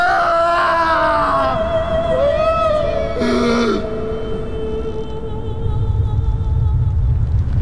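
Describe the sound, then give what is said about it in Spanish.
A deep, continuous earthquake rumble swells and grows heavier toward the end, beneath eerie wavering moans and sliding wail-like tones; no one speaks. “La tierra tembló, las rocas se partieron en dos, y las tumbas se abrieron.”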